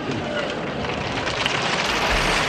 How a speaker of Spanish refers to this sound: Ahí están los aplausos a Alfonso en aquel día del pregón de San Mateo en 1983, grabación que hemos encontrado de nuevo en la Fonoteca de Radio Asturias, donde vamos guardando las voces de quienes han pasado por estos micrófonos.